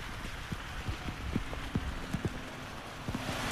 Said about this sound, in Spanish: Repito, es que vuelve a arreciar la lluvia y de qué manera, las condiciones son extremas.